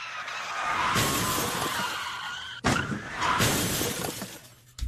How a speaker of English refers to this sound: You totaled a car and a 6 police cruisers, which is better than last month's incident.